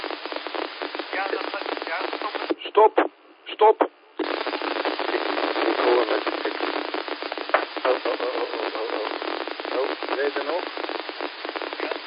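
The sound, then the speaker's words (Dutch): Band-limited radio audio full of crackly static and hiss that briefly drops out into near silence, then returns at full strength, its quality shifting as reception changes while the speaker turns his rotatable vertical 2-metre antenna. “Nou praat ik door en nou draai ik een beetje aan mijn antenne.”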